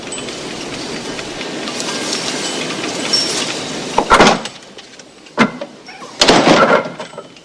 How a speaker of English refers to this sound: Michael shuts the door again.